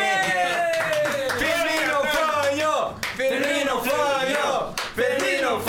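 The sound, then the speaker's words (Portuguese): Scattered handclaps ring out beneath a loud, animated voice that carries on over the whole stretch, with the clapping coming in sharp bursts rather than a steady roar. “Vamos aplaudir!”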